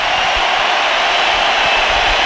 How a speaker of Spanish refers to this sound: En este estadio fue muy abuchado, recordemos, no salió bien de Guadalajara. Los dejo para que escuchen la ovación a Julián Quiñones.